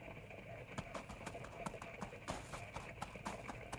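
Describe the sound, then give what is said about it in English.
A packed mule's hooves clip-clop at a steady walking pace, fairly crisp, with a continuous noisy background beneath the rhythmic hoofbeats. “After all, I never packed a mule before.”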